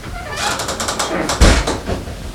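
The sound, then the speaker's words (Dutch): A door is opened with a series of rattling, clicking handle and latch sounds, followed by a louder thud as it swings or bumps, and faint shuffling footsteps as people walk inside. “En dan had je hier dit mooie, dit was er ook niet, er was alleen die deur was er. En dan ging je er zomaar naar binnen, je kunt even kijken.”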